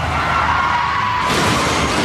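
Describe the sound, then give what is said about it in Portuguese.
A loud car crash as a driver's vehicle rolls over, a dense, continuous roar of crunching and scraping metal that grows harsher and brighter partway through, with no voices. “Chefe está capotando.”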